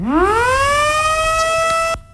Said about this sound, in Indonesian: Suara sirene meraung-raung setelah Presiden Prabowo Subianto menekan tombol peresmian 5 bendungan di berbagai daerah di Indonesia. Peresmian dilakukan langsung di Lombok Nusa Tenggara Barat NTB.